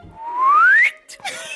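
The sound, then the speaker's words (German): A person whistles a single clear rising note that glides upward and cuts off, followed by a brief softer whistled tone dipping down, fairly loud with no talking. “Dann schweben sie und müssen haushalten mit der Stickluft, verlieren den Boden unter den Füßen, fühlen Schwindel und pfeifen.”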